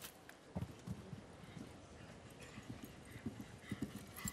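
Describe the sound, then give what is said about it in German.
A horse nearly 1.90 m tall at the withers gallops through a show jumping arena, its hooves pounding across soft footing in a quick, steady rhythm of muffled thuds over a low murmur of background ambience. “Er nimmt sich hier deutlich mehr Ruhe und Zeit für diese erste Distanz.”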